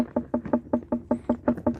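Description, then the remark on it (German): A quick, steady series of about a dozen knocks by a watermelon farmer in Upper Bavaria on an unripe watermelon, each a short, firm, fairly bright thud rather than a deep hollow one, with no talking. “Und die unreife Melone.”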